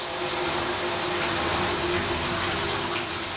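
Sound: waterfall rushing water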